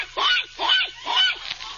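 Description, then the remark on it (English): A pig oinks four times in a quick, even rhythm, each grunt a short nasal, honking burst at moderate loudness, with no talking over it. “It's a pig pen.”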